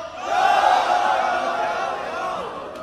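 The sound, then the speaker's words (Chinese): An audience at an evening campus singing event yells the syllable "you" together in one loud, drawn-out shout, answering the slogan "Angang campus tour", many voices holding it for a few seconds before it slowly fades, with no one speaking over it. “我喊一个鞍钢校园游，大家然后把这个游，然后 会不会对他们要求音乐水平要求太高了？”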